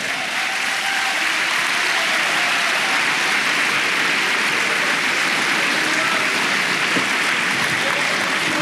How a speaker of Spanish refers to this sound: Hermano, dele palmas al Señor.